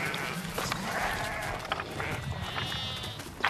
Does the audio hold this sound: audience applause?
no